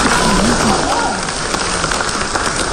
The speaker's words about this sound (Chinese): 感谢大家如此热烈的掌声啊！ 啊，谢谢。 当然了，再热烈一点那就更好了。